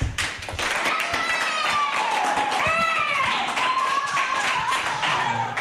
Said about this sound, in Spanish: ¿Qué hay que hacer cuando hago así? ¿Aplaudir?